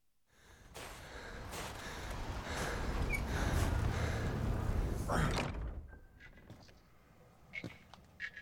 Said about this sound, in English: As you're traveling through these tunnels under these mountains, you can hear a snoring from the chambers beyond.